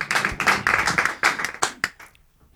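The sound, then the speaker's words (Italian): A short burst of applause from a small group as a theatre piece begins, dense overlapping claps for about two seconds that thin out into a few scattered final claps and fade away. “Applauso per applauso che Avance inizia il pezzo teatrale.”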